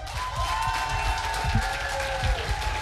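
A crowd applauds steadily and loudly, a dense wash of many hands clapping with scattered louder claps and some cheering, sustained throughout without a break.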